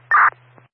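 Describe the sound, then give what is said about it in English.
A short, loud burst of garbled radio noise, like a broken transmission, from an AMR unit attempting to come up over the radio, cuts in for a fraction of a second over a low steady hum, followed by a faint click. “I think AMR was attempting to come up over the radio.”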